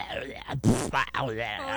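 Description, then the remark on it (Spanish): A voice imitates a rumbling stomach, a mother's digestive system as heard by her unborn baby, with a stretch of gurgling, groaning vocal noises, shifting and bubbly, fairly loud, lasting a couple of seconds. “¡Qué rugidero de tripas!”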